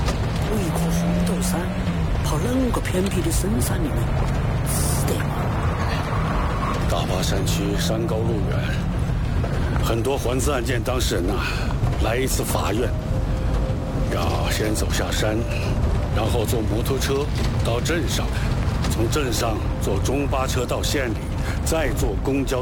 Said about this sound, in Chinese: 哎，好了，哎，发动了，发动了，好了，大家上来吧， 上车。